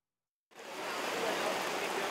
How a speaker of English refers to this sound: Just a few kilometers from Bangkok's international airport, the downpour continues.